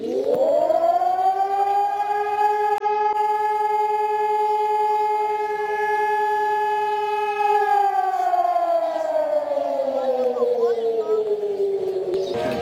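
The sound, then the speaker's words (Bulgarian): A civil defense siren sounds at 12 o'clock as sirens sound across Bulgaria during a ceremony honoring Hristo Botev and Vasil Levski: a long, steady sustained tone that slowly falls in pitch near the end, loud and continuous with rich harmonics, echoing as if across an open area. “точно в 12 часа всички присъстващи отдадоха почит към паметта на Христо Ботев, Васил Левски и всички загинали за свободата на България под звука на акустичния сигнал от сирените в цялата страна.”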